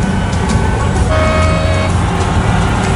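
A steady hum of road traffic fills the scene at a bus stop, and a bus horn sounds a sustained tonal blast midway through, loud over the rumbling engines.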